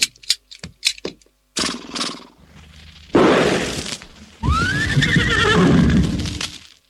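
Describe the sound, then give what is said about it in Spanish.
A horse neighs loudly, a long whinny with a rising, wavering pitch, following some sharp clattering knocks and a burst of noisy rumbling. “¿Qué hago con el caballo? Lo mato.”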